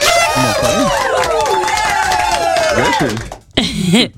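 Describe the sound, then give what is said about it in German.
A contestant cheers loudly after winning 150 euros, with excited, rising and falling whoops that carry on for about three seconds, stop briefly, then burst out once more near the end. “Da jubelst du fast genau.”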